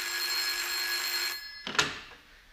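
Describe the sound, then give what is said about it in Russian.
An old-style telephone bell rings loudly and continuously for over a second in an office reception, then stops abruptly, followed by a short clunk as a secretary grabs the handset. “Девушка-секретарша, пробегая в очередной раз мимо телефонного столика, машинально схватила какую-то трубку.”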